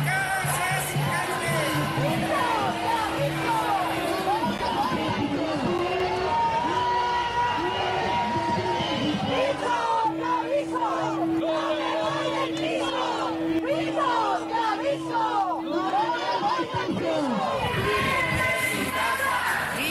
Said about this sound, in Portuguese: os gritos que exigem medidas urgentes para aliviar a situação.